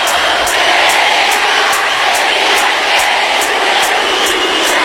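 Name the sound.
people clapping hands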